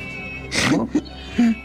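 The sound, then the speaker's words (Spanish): A cat lets out a couple of short meows after a brief rustling burst, with a quick chirp between them and no one talking. “Bueno, o sea, ¿todo chillan?”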